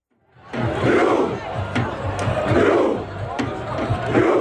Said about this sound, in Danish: Ja, der har ellers været norsk fodboldfeber hele sommeren, hvor ro-kampråbet her også er gået hele verden rundt.